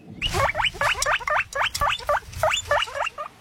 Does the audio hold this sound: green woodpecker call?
no